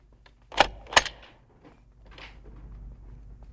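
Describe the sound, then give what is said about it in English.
Two sharp metallic clicks close together as Gumbold turns a key in the lock of his office door on the second floor of an office building, Gerbruder Gumbold, Advocaten, followed by soft jangling and rustling as the keys are handled. “Gumbold is locking up the office door.”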